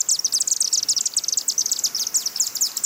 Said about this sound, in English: They had chimney swifts, a threatened migratory bird species. They like nesting in old brick chimneys and eat hundreds of mosquitoes a day.